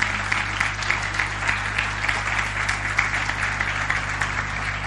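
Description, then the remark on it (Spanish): An audience applauds itself as a welcome, steadily for several seconds: a dense wash of many hands clapping at once, even in loudness, with a low steady hum underneath. “Muy bien, nos damos un buen aplauso nosotros, bienvenidos a casita.”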